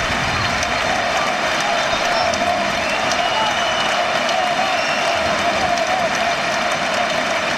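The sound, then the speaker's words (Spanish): A large basketball arena crowd of UCAM Murcia fans applauds the team and bids farewell to captain Jonas Radebeul, a dense, continuous wash of clapping with some cheering mixed in, sustained at an even, loud level throughout with no talking over it. “Sabe que está aquí, ha llegado esta temporada del 40 aniversario y aplaude toda la afición y a despedir también a Jonas Radebeul.”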